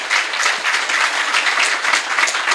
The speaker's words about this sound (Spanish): Fuerte el aplauso entonces para estas cuatro cancioncitas que se vinieron.